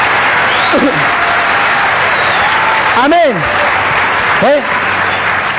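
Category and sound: crowd, audience applauding loudly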